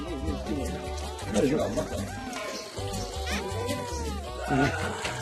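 baby goats bleating

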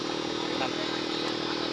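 motorcycle engine passing by

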